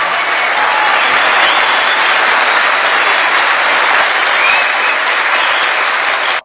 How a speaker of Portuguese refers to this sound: Um aplauso de vocês. Obrigado.